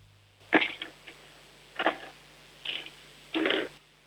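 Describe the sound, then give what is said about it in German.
Four short, clattery bursts of pens, rolled by a 7-year-old girl, rolling and knocking across a hard tabletop, spaced about a second apart, fairly quiet, with no voices. “Jetzt hätte ich gerne, dass du vielleicht mal ein paar Stifte nimmst und sie über den Tisch rollst, so dass wir sie hören.”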